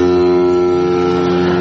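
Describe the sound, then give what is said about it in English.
A loud, sustained foghorn-like horn blast holds one deep, droning tone steadily for nearly two seconds, with no voices over it. “That sounds... Here come the French by boat.”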